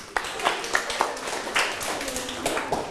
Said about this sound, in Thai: ปรบมือสิครับ